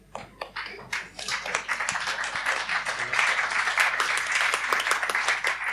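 Audience applause starting with a few scattered claps and quickly swelling into steady, dense clapping from many hands that continues at an even, moderately loud level without any talking.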